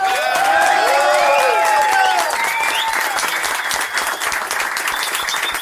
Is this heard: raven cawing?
no